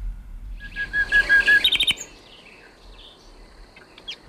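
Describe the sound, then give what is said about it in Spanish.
A common nightingale sings at night, clear: a long whistled note swells into a rapid, buzzy trill, then the song breaks off, leaving faint chirps over a quiet background. “Esto es un ruiseñor común, en plena expansión nocturna.”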